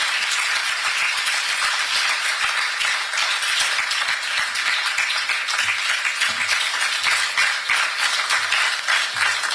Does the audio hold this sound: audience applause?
yes